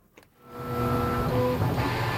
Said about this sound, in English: North by Northwest Jeremy Ratt paid a visit to the Neil Squire headquarters in Burnaby, and that's where we start with the sound of a 3D printer.